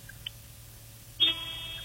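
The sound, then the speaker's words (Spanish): A car horn sounds once with a sudden, loud blare and holds steady for over half a second over a low background hum, with no one talking. “Despacito, más fuerte, toca la bocina.”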